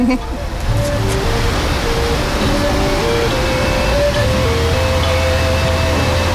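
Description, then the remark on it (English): Steady rushing water, like a fountain or small cascade, along a path to a 44-foot-tall statue in Kansas, fills the scene with dense continuous noise, while faint tonal music from speakers hidden along the path plays underneath throughout. “This would be a great place to just sit and relax all day, listening to the music and hearing the water and seeing the statue.”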